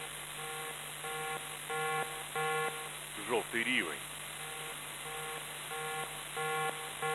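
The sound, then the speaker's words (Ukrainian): A steady series of electronic air raid warning beeps repeats in pairs at a regular pace, fairly loud, with a brief spoken phrase breaking in midway, part of an air raid alert announcement from the Civil Protection Department of the Poltava Regional Military Administration for the Poltava and Kremenchuk districts. “Громадяни, повітряна тривога, повітряна тривога.”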